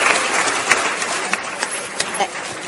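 Steady audience applause: many hands clapping at once in a dense, crackling wash, with a few sharper claps poking out above the continuous patter throughout.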